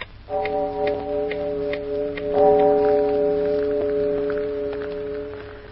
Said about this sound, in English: It's 2 o'clock in the morning, Lucy. I heard the chimes.